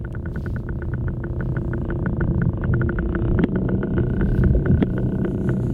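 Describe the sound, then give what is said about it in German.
An octopus moving along the seabed, heard underwater as a steady series of quick, regular clicks over a dense, low rumbling wash, with a couple of sharper snaps near the end. “Also, so klingt ein Oktopus, wenn er sich auf dem Meeresboden bewegt.”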